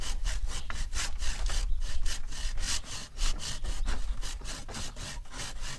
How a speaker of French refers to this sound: Je te laisse scier.